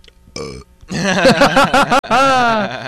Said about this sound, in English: He burped into the microphone, and it was wonderful.